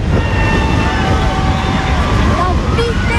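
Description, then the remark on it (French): A motorcycle engine drones past with a steady, slightly wavering whine, loud, over a dense wash of crowd noise and voices from spectators along a roadside, near the end of a women's cycling race. “Il y a une moto !”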